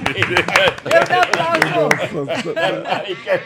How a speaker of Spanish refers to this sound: Ay, sí, aplauda. Muy bueno, aplauda. Muy bueno. Un aplauso.